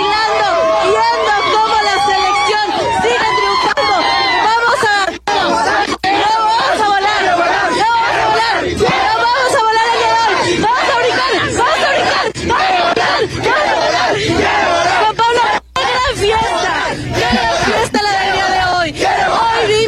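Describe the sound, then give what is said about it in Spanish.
A huge crowd of about 50,000 people cheering and singing together in celebration in the Zócalo of Mexico City, a loud, continuous wall of voices with melodic swells and occasional shouts rising above it, sustained throughout without a break. “¡Aquí siguen miles de almas cantando!”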